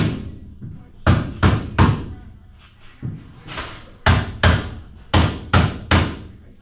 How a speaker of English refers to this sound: Back at the Outpatient Health Center, construction crews hammer away at wall frames on the upper floors.